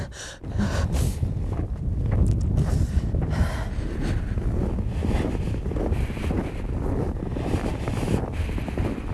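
Strong wind roars continuously across the microphone, a loud, buffeting low rumble with gusty surges throughout and no voices.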